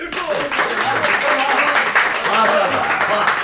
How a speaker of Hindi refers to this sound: चारों तरफ तालियां पड़ने लगीं। ऐसा लगा मानो किसी दंगल के दर्शक अपने पहलवान की विजय पर मतवाले हो गए हों।